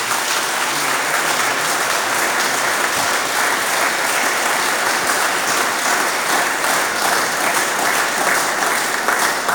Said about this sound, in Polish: ale przede wszystkim to wam, drodzy pielgrzymi, za ten wielki trud należą się największe słowa uznania, że podjęliście się tego wyzwania i z Bożą pomocą już jesteśmy prawie na mecie. Więc dla was wszystkich wielkie, wielkie brawa i dziękczynienie.